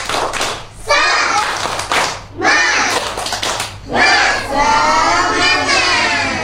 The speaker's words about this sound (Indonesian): Kita tepuk semangat dulu teman-teman. Tepuk semangat.